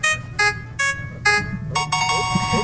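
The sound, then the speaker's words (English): A game show prize wheel sound effect for the Wheel of Games, activated by a caller from a phone: bright electronic tones pulse in a quick, even series, then swell into a sustained ringing chime over a low rumbling background. “I need you to push DCS327 on your phone, please, to activate the wheel.”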